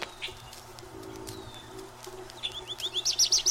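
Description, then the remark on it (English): Songbirds sing outdoors in spring with high, thin chirps and whistles, ending in a quick run of repeated bright notes that grows louder, while a soft low cooing hums underneath. “Woods and fields, gardens and shade trees resound with their music. Each species has its characteristic song.”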